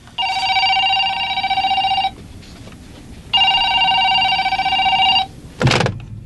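A telephone rings twice in long, steady electronic bursts with a short pause between, clear, followed by a brief click as the receiver is picked up.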